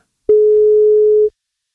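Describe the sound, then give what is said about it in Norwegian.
One ringback tone on a phone call placed by a Norwegian radio show to a birthday listener: a single steady, mid-pitched beep about a second long, loud and clean, with silence before and after and no voices. “To ring til da.”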